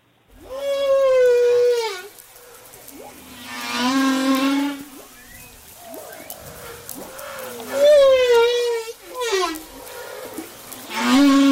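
Long, wavering tonal calls of a humpback whale recorded underwater off the coast of Madagascar in the Indian Ocean, rising and falling moans and whoops repeating in a slow sequence, loud and clear with no talking.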